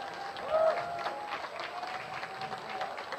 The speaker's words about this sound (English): I feel like that's that cheer from the fans here is both a sarcastic but also an encouraging. Like, come on, you can do it, Eli.